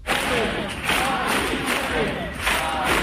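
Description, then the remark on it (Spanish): A large crowd of marchers roars and chants together in a steady, dense wash of many voices, swelling in loud waves every second or so with no single speaker standing out. “Es sonido de Madrid, donde 20.000 personas, según delegación del Gobierno, han marchado desde la acampada en la Puerta del Sol hasta la que fue su casa.”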